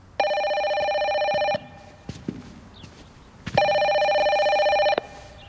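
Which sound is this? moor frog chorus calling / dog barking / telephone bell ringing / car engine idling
telephone bell ringing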